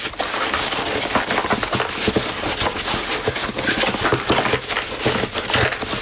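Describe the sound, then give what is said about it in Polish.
Steady, loud crinkling and crackling of plastic packaging being handled while unboxing an electric shaver, with dense irregular rustles and sharp crackles throughout and no talking. “Ja przypomnę tylko, że mamy taki unboxing.”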